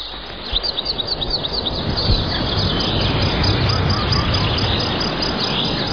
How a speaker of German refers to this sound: Vogelgesang oder Vogelgezwitscher hilft gegen Alltagsstress. Wer nur schon eine halbe Stunde den Vögeln zulässt, fühlt sich noch glücklicher und entspannter.